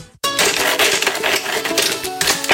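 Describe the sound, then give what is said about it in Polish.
A saw trims a floor panel board with a loud, continuous rasping grind, its gritty texture wavering for over two seconds after a brief silent start. No one speaks. “odłóż tę piłę, zanim zrobisz sobie krzywdę.”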